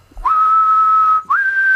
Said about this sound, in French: Maître siffleur. Je suis un très grand siffleur.